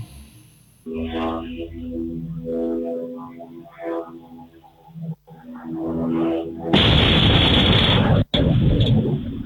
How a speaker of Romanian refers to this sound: Momentul exploziei a fost surprins de câteva camere de supraveghere din apropiere. Autoritățile au confirmat depistarea unor fragmente provenite de la un aparat de zbor fără pilot.